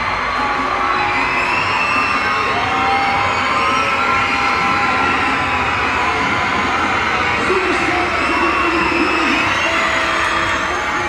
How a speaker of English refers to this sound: Lots of screaming kids.